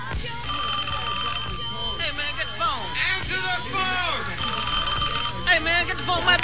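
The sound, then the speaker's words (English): A telephone rings in two steady electronic bursts, one near the start and another toward the end, clearly audible while people talk over it. “Don't answer the phone, man.”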